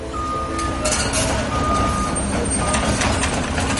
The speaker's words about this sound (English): And there's another cost to installing sewer lines. Seemingly constant roadwork and traffic jams. One day last fall, cars crawled along as Superintendent Mike Donovan's crew dug up the main road into Barnstable.